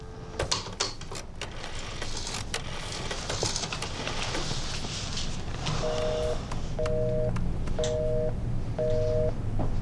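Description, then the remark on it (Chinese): Mechanical clicks and clatter from a phone being dialed to call Mr. Song, then a steady ringing tone repeats four times at even intervals with no one picking up, over a low background hum. “没人接，先生，再打。”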